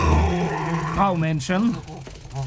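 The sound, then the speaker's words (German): A dog named Norbert growls low, then gives a few whiny, yelping sounds with rising and falling pitch, over a couple of seconds with a voice-like quality throughout. “Norbert ist ein böser Hund.”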